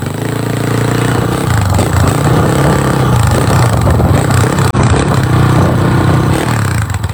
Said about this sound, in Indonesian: tengah naik motor.